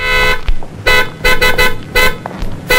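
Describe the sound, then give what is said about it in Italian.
A car horn honks loudly in a series of short, uneven blasts, about five or six in quick succession, over a low rumbling background; the very sensitive horn was set off by lightly leaning an elbow on it. “Lei ha clacsonato.”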